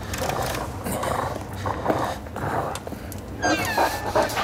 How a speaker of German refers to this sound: Der große Wolf war vollkommen außer Atem von der Hetzjagd.